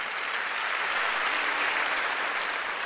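A crowd claps steadily in a dense, continuous wash of applause that holds at an even level for a few seconds, with no voices rising above it.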